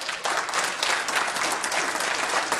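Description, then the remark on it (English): A crowd at the end of a more than two-hour CUNA Fire Board meeting breaks into steady applause as the fire commissioners vote 4-1 to approve a merger with Nampa Fire, many hands clapping in a dense, continuous patter that stays loud and even for a few seconds, with no voices standing out. “A more than two-hour CUNA Fire Board meeting ended with a round of applause as CUNA's fire commissioners voted 4-1 to approve a merger with Nampa Fire.”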